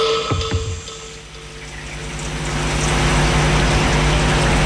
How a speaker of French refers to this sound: Il pleut.